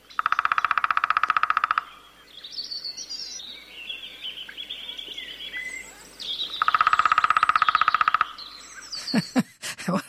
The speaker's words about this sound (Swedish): Då tar vi mindre hackspett. Mindre hackspett. Ska vi lyssna på trummandet? För det är en sak att de trummar, en annan sak att de kvittrar eller låter. Och den låter inte lika mycket. Den trummar oftare.